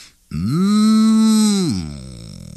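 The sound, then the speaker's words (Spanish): A human voice imitates a calf yawning: one long, loud groaning tone that swells, holds steady for over a second, then sags and trails off into breathy quiet. “Bostezaban los becerritos.”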